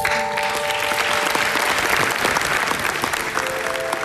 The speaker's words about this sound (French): On peut l'applaudir.